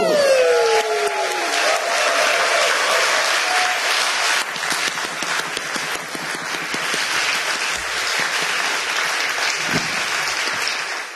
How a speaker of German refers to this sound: Und deshalb in diesem Sinne, danke für euren Support und euren Applaus, ihr liebes Magdeburger Millionenpublikum.